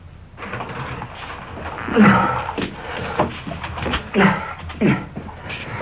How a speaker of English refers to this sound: Coming through the door, the suspect.